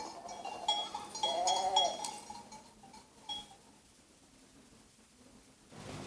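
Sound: sheep bleating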